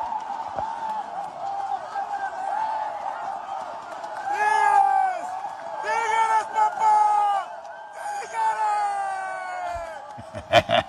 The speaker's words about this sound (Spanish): Esto es un pandemonio. ¡Vámonos! Se acomoda la línea de Borrego. Griterío es ensordecedor.